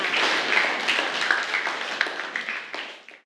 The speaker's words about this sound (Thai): ปรบมือให้กับกลุ่มที่1ด้วยค่ะ